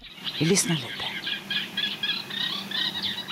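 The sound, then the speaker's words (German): A reed warbler sings a continuous run of scratchy, chattering notes in quick repeated phrases, steady throughout, with a brief low murmur near the start; aired by Swedish radio during an all-night broadcast of nature sounds on the night of 21 to 22 May. “Eine ganze Nacht lang gibt es da keine Musik, keine Talks, nur Naturgeräusche und Vogelstimmen, wie zum Beispiel diesen Rohrsänger, den man sonst selten hört.”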